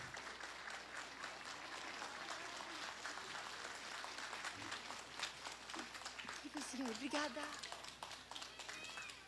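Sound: audience applauding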